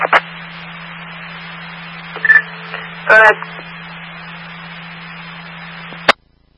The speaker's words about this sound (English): All Palmer Fire Department, disregard the tones for the box pump.